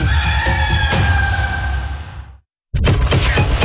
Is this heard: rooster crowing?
yes